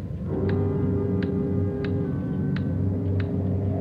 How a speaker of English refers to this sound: Sure a loud clock.